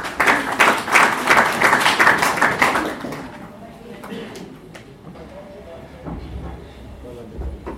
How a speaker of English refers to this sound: Karibu sana, may we clap